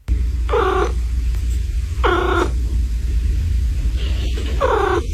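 A cat chirps three times, each a short, bright trill spaced about two seconds apart, clear over a steady low purring rumble.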